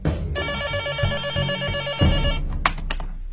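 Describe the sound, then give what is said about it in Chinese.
A telephone bell rings with a call from Yueyang to the 803 criminal police, one sustained burst of about two seconds, a bright, high, rapidly trilling tone, followed by a few sharp clicks. No one speaks. “这时，一通岳阳电话给803带来了新的讯息。”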